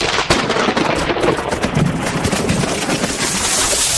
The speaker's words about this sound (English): What was that? Ooh, it looks like the storm snapped that old tree in the backyard.